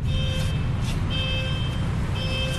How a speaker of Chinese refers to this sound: 在江苏省宿迁市泗阳县的一家纺织企业，消防控制室里的警报铃声持续鸣响，但控制室大门紧闭，室内空无一人。 你看里面主机还在报警，你听见滴滴滴滴一直在报警